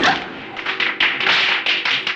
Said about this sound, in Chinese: 你怕鞭炮声音？